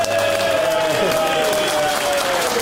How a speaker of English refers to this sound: It turns out he'll just clap anything the guy in the back.